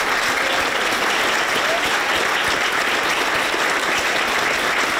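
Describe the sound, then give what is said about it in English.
Sustained applause from a group of staff at Number 10, dense and steady throughout, with many hands clapping at once and no pauses, greeting Andy Burnham as the new Prime Minister. “But once the clapping stopped, it was in the other number 10 in Manchester, where we sat down with the Prime Minister finally to talk about challenges at home and relationships abroad.”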